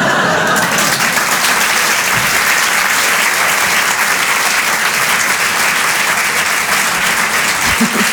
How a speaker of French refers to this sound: Un peu d'applaudissement très fort,